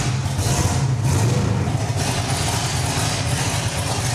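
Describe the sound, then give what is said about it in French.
A car's air suspension raising the vehicle in a demonstration, on a car with 11-inch front and 15.5-inch rear wheels: a steady, loud mechanical hum with a low droning tone and a constant airy hiss over it, continuing for about four seconds with no talking. “Tu peux me faire une démo de levée de la voiture pour voir?”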